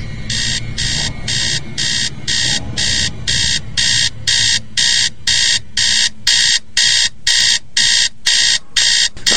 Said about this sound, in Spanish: ¿Qué pasa? Maldito despertador, pero si apenas son las 4:15 de la mañana.